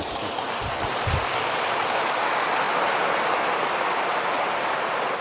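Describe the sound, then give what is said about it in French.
An audience gives sustained applause while a speaker is being introduced: a dense, steady patter of many hands clapping at an even loudness for several seconds, with no voices standing out. “Oui, là vous pouvez applaudir.”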